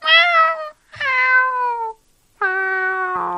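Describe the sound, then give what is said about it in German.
A kitten meows three times in a row, each call loud, high and drawn out, sliding downward in pitch, with short silent gaps between them and no talking. “Das ist bestimmt eine süße Babykatze, oder?”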